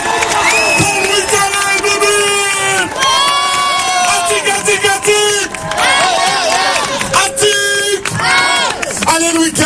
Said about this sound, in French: Allez public, on fait du bruit, on l'applaudit.